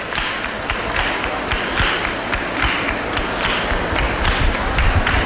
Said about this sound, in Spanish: Escuchamos esas palmas de este grupo joven que son el futuro de esta hermandad.